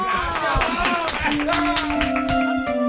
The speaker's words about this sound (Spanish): Doc, muchas gracias. A ustedes. Un aplauso para la doctora.